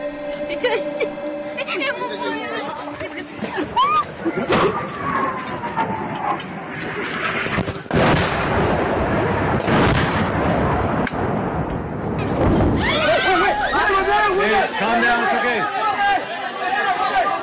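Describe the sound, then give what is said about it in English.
Repeated loud, booming blasts of bombing by Myanmar's military junta warplanes and artillery fire burst out at irregular intervals, while people shout and cry out in alarm throughout, with voices rising sharply after the later explosions. “Again and again, terror rains from the skies onto the heads of children from the Junta's warplanes.”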